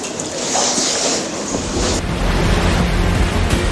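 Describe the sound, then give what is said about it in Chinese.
Ocean waves surge and wash continuously in a loud, steady roar of rushing water, with a low rumbling undertone and some wind-like hiss, and no voices. “同样能够运动，这就说明波浪是可以驱动重物上下运动，有动能，有势能，可以积聚能量。”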